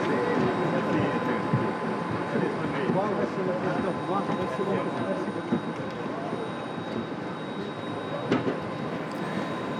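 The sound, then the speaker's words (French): A steady, continuous roar of Airbus A321 airliner jet engines with a faint high whine, holding an even level throughout, on a flight of nearly two hours to Rome Fiumicino, while muffled voices murmur indistinctly underneath. “Le Saint-Père est donc maintenant à bord de cet avion qui va le conduire à Rome Fiumicino.”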